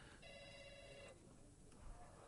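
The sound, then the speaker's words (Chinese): A telephone rings with a bright, trilling electronic tone for about a second, then stops, leaving a noisy room background. “来你电话行咧哈”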